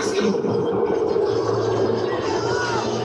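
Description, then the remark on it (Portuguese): A large stadium crowd boos Luiz Castro in one steady, sustained roar, a dense wash of low, droning voices with mixed shouting that holds loud and unbroken for a few seconds. “E agora, claro, vai ter vaia para o Luiz Castro também. Vamos ouvir.”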